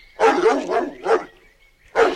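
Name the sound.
dog barking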